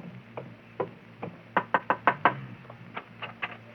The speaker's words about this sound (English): Here's the house. You wait here while I go knock.